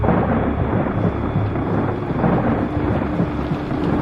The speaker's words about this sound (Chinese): 下雨了，当心啊